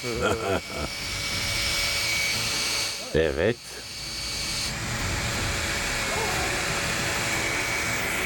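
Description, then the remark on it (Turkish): A cordless drill powers a homemade water pump being tested, meant to swap hot water for cold water after each race, pumping water out with a steady, loud whirring drone and hissing rush that runs unbroken throughout, while a voice speaks briefly twice over the noise. “Bunun için sıradan bir akülü matkaptan daha mantıklı ne kullanılabilir ki?”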